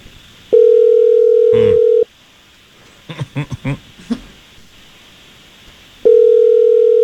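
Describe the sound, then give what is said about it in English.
An outgoing phone call rings on the line, placed by morning show radio hosts to a woman named Chelsea: a steady purring ringback tone sounds for about two seconds, pauses, then starts again, with a few soft throat and mouth noises in the gap. “I just need you quiet here while we try to get Chelsea on the phone, okay?”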